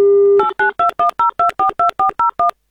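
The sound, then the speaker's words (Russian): A telephone number is dialed on a touch-tone keypad to call a listener from Novgorod Oblast in an Avtoradio radio prize draw: a brief steady dial tone, then eleven quick, even beeps in a regular rhythm, loud, with no voices. “Набрали номер телефона Виктора”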